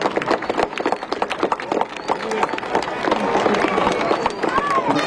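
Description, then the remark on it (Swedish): The wooden sailing ship, the galeas Demelia, rumbles down a launch slipway as she is launched, with rapid cracking and creaking of timber building into a steady roar, while a crowd murmurs and voices talk. “Nu är hela båten ner. Nu är hon i skärmen alltså. Nu har hon ingenting som håller upp henne längre.”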